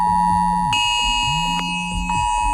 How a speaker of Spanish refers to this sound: Y una cosa más, esta mañana a algunos les habrá sorprendido esta alarma en sus móviles. Eran sobre las 11:15.